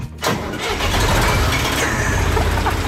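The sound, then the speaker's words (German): An old 1977 field tool-carrier tractor with a tipper mounted on the front is started with the key; its engine cranks briefly, then catches and roars into a loud, steady, rumbling idle with a rough low-pitched chug that continues to the end. “Ein Feldgerätetraktor mit Kipper vorne dran aus dem Jahr 1977.”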